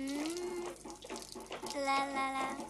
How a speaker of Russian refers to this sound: Сверху на него начинает литься вода.